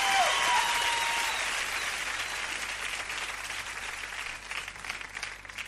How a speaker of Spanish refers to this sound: Ese aplauso para mi amiga